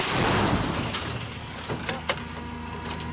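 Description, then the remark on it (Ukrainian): A heavy artillery gun blast rolls out and fades over the first second, followed by a few sharp metallic clanks. No one speaks. An artillery crew is firing the gun. “Але після кількох пострілів командир гармати кричить складатися та ховатися.”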